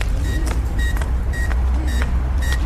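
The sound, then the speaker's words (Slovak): A winch's warning signal, switched on with a green button and used by the water so people hear it is operating, beeps repeatedly, steady high-pitched pulses about twice a second, over a constant low, loud motor rumble. No one speaks. “Tento zelený gombík, keď potlačím, zapne to, dáva signál.”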